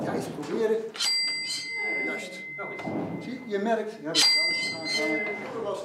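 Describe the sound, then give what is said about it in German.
Two bright, metallic strikes of the old carillon bells at St. John's Cathedral ring out a few seconds apart, each leaving a lingering high tone, while a voice talks steadily over them. “Aber vorher gibt's noch mehr zu sehen, die alten Glockenspiele.”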